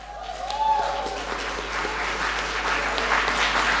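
An audience breaks into applause, a dense, steady wash of many hands clapping that holds at an even loudness for about four seconds.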